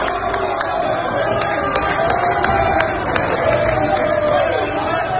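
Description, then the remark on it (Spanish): A large crowd of Veracruz football fans roars steadily throughout, a dense wash of cheering and chatter with sharp, repeated claps punctuating the noise, in the second half as Mexico's players approach South Africa's goal. “Llegó el segundo tiempo, la gente estaba entonada, aplaudía y se emocionaba cuando los mexicanos se acercaban a la portería de Sudáfrica.”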